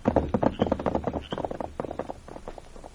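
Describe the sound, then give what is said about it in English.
Horses' hooves clip-clop in a quick, uneven patter as riders set off on them, the busy hoofbeats steady over about three seconds. “Let's get to our horses”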